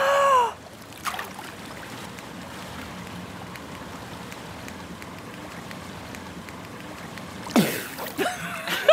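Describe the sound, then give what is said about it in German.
Muffled underwater bubbling and rushing water, with a few faint, dull taps of a xylophone being played beneath the water surface, then a louder splash near the end. “Dann taucht das Xylophon jetzt ab und los geht's. Ich tauche mal doch mit ab, ich will mal hören, ob ich es unter Wasser höre.”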